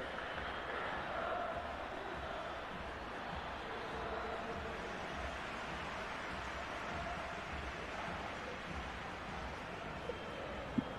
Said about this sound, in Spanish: Los aplausos entonces y el cariño para la familia Messi por todo lo que representa, ¿no?